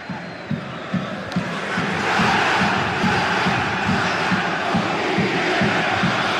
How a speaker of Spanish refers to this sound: y así gritan los hinchas del Capo en Rancagua.